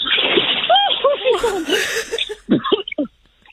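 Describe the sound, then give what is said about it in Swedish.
Water splashes and sloshes as someone jumps off a low jetty into cold water for a first swim with a new prosthesis, with gasping, yelping voices over the splashing, followed by a few sharper splashes and short exclamations. “Ett litet plums. Lite plask.”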